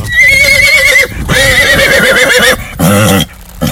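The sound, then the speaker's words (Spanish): A horse whinnies loudly several times, each call a high, shaky, quavering neigh that wavers up and down in pitch, with short gaps between the calls and no voices. “y a los aficionados a la charría que cabalguen en la vida sobre el poderoso dorso de un cuacón, como a los que a mí me gusta montar, que parece que voy sobre un dragón.”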